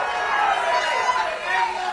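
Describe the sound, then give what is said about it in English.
A crowd cheers for Thomas Massie as he goes to concede, a steady, loud, dense roar of many voices that holds without a break for the whole two seconds. No single voice stands out. “was he goes to concede, and this is the first thing out of his mouth as the crowd is cheering for him.”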